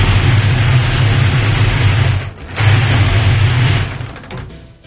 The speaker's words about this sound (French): je vous laisse poser la main sur le boulier. Et allez-y, touillez, maître. Touillez.